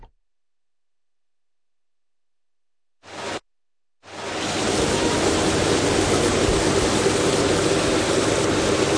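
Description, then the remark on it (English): The muddy Longs Creek on the north side of Auburn, Nebraska, on a spring morning: flowing creek water rushes in a steady, broad, fairly loud hiss after a brief opening burst and a short pause; no voices are heard. “It's a beautiful spring morning in Auburn, Nebraska, and alongside the muddy Longs Creek on the north side of town”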